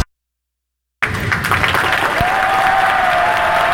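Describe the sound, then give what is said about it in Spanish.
After a second of silence, a crowd bursts into steady, dense applause as the DJ arrives. The clapping holds at full loudness to the end, with a faint sustained tone rising under it. “Aplauso porque llega el DJ que nos pone a gozar, señoras y señores.”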